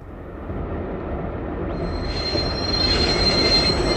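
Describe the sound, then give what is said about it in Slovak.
A train's brakes screech with a sustained high-pitched squeal that rises in over a steady low rumble of rolling wheels, growing louder as the train slows. No voices are present. “Nebojte sa, teta, asi sme zastali kvôli semaforom.”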